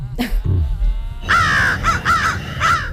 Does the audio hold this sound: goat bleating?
no